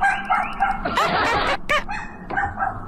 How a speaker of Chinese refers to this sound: 说流浪狗天天叫，有没有相关部门处理呢？按道理讲，在小区里应该找物业，物业帮你联系，对吧？